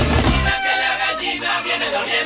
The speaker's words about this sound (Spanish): Aves de Veracruz. Cuicacoche Pico Largo.